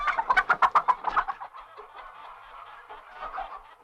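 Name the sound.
hen clucking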